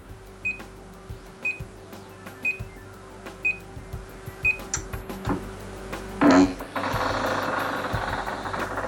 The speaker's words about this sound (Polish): I po tych piknięciach bieżnia dopiero startuje. Może to nawet było słychać, że ona piknęła, a potem silnik ruszył. On teraz chodzi 0,8 km.